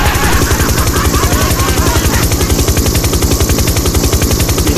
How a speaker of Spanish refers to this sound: Cuidado con el helicóptero, amigo, porque la otra vez la señora se quejó que le había despertado a los gatitos.